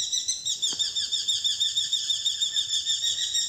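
Rapid, high-pitched bird song repeats in steady pulsing bursts, several bright trilling notes layered together and sustained throughout. No one speaks.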